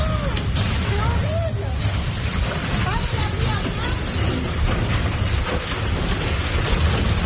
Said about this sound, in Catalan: Això que sentiu és un tornado. Un tornado prop de Carcassona, al sud de França, ben a prop de la frontera amb Catalunya, va deixar almenys 41 persones ferides, algunes d'elles fins i tot van ser hospitalitzades,